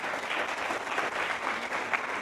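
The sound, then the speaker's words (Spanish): Steady applause from an audience fills the whole moment, many hands clapping in a dense, continuous patter at moderate loudness with no voices on top; applause welcoming first-time visitors at a Catholic ministry gathering of Apóstoles de la Palabra. “Bueno, un aplauso.”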